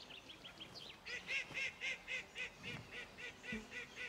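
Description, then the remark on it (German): Ducks on a farm's duck pond call out in a steady series of nasal, honking quacks, roughly a dozen in quick rhythm, moderately loud, with a few softer calls and faint background noise. “Der Ententeich ist sein Lieblingsplatz auf dem Hof.”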